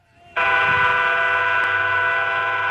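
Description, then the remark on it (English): The whistle of Union Pacific's Big Boy 4014 steam locomotive bursts in loud as it rolls through Nebraska, holding one steady, rich chord for a couple of seconds over a low rumble of the engine, with no voices. “So when Union Pacific's Big Boy 4014 rolled through Nebraska, the crowd wasn't just here to see history, they were here to feel it.”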